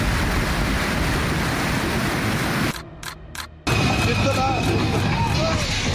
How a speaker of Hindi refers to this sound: जम्मू कश्मीर में बारिश के बाद कई इलाकों में अचानक आई बाढ़ ने तबाही मचा दी है। अभी पानी और आ रहा है इसमें। कहीं सड़कें पानी में बह गईं तो कहीं तेज बहाव अपने साथ खेत, गाड़ियां और रास्ते तक बहा ले गया।